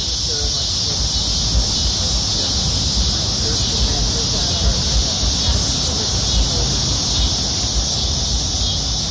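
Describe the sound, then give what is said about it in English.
Cicadas buzz in a loud, unbroken high-pitched drone along Spring Creek, about a block off Emma Avenue in downtown Springdale, as the evening sun wanes on a summer evening, holding steady throughout, with a soft low rumble underneath. “Cicadas and summer in downtown Springdale.”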